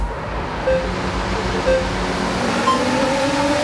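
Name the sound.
racing cars speeding past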